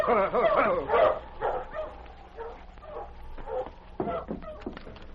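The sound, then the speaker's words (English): A dog barks in a run of short, sharp bursts mixed with high, wavering whimpers and yelps, loudest at the start and easing off, with a low steady hum underneath. “They had a dog with them.”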